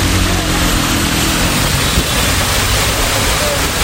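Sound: torrential downpour of rain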